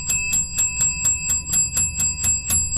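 A bell rings rapidly and repeatedly, about ten bright metallic strikes in a steady fast rhythm, with a high ringing tone sustained beneath them, rung to celebrate a listener's dump trailer order. No one speaks.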